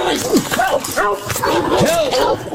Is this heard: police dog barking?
yes